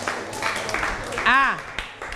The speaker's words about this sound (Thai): แต่เรียนเก่งมากเรียนสามารถอ่านได้อันนี้ชื่นชมปรบมือให้ตัวเองหน่อย